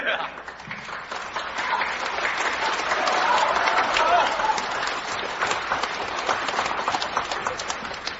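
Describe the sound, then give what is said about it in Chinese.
Sustained audience applause at a Chinese crosstalk (xiangsheng) comedy performance, following a tongue-twister routine. A dense wash of many hands clapping fills the whole clip and swells slightly in the middle, with no one speaking over it. “谢谢大家掌声。”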